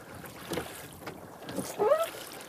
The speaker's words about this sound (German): kommt mit seinem Boot kaum durchs Wasser. Bei jedem Ruderschlag verfängt es sich im dichten Kraut.